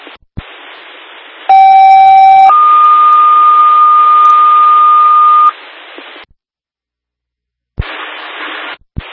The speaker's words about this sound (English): disregard the tone.